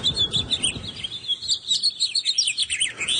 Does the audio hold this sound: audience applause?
no